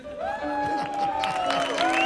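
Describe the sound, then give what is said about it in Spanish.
An audience applauds and cheers steadily for a guest on a show, with clapping and crowd noise filling the space while sustained tones ring over the top throughout. “Fuerte aplauso para Don Pocholo lo comía.”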